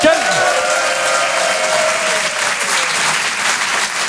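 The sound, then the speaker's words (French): Sustained applause from wedding guests at the end of the dinner for the speech of the father of the bride: a dense steady patter of many hands clapping at even loudness throughout, with a brief whistle-like tone sliding at the start. “Il y a eu le dîner, et à la fin du dîner, le discours du père de la mariée, c'est-à-dire moi, applaudissements, mes chers amis.”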